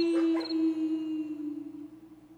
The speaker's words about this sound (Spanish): Era de noche, ¿da? Pues sí, sonaban los perros ladrando. ¡Perro ladrando, eh!